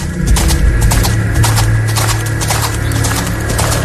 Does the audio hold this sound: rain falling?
no